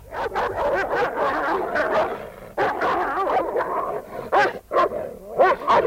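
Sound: dogs fighting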